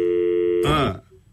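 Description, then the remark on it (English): A steady electronic telephone tone hums for over half a second as a phone call is attempted, then a brief, harsher burst of sound cuts in and quickly fades to near silence. “So let's see if we can get him on the phone.”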